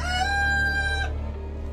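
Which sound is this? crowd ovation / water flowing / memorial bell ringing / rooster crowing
rooster crowing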